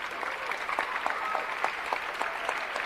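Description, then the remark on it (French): The team of the Festival d'Avignon applauds itself: a dense wash of many hands with crisp individual claps popping out, sustained and fairly loud throughout with no voices on top. “C'est le moment où vous vous applaudissez.”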